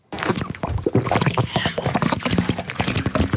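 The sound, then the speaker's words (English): A woman gulps water from her own bottle in a quick, steady series of wet glugs and sloshes, fairly loud and continuous for a few seconds; it is a real drinking sound, not a sound effect. “drinking water out of her bottle.”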